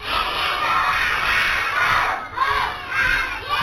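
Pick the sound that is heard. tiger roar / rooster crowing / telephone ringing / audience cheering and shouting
audience cheering and shouting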